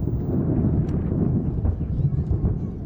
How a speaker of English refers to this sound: New York put on a large fireworks display to mark July 4th celebrations.